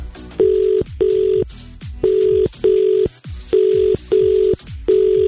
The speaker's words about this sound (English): You have got the most frantic ringing in your phone I've ever experienced. I'm actually stressed out. I feel anxious.